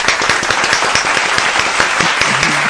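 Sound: audience applause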